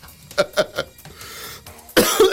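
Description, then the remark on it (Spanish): Three quick coughs come in a rapid burst, followed by a short pause and then a louder, harsher cough-like burst at the end. “Hasta ahora a mí como que me empieza a dar la tos y todo el tema.”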